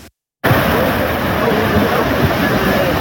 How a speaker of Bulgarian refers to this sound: Щетите в Симитлийското село Крупник са сериозни. Днес видяхме огромна река. Носеше огромни камъни, може би по един тон камъни, които нямаше как да бъдат спряни.